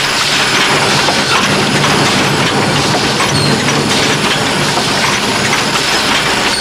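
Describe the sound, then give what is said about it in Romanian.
A train puffs hard as it starts to pull away at a railway station, a loud, continuous rush of rumbling and hissing noise that fills the whole stretch with no voices. “Până să-și adune el cugetul, trenul a suflat din greu, mișcând în loc.”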